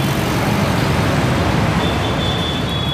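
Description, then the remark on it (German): Dense street traffic in India roars steadily, a continuous wash of engine rumble and road noise, with a faint high whine creeping in during the second half. “Ein Fahrer quält sich mit seiner menschlichen Last durch den dichten Verkehr, riskiert Leben und Gesundheit in der verschmutzten Luft”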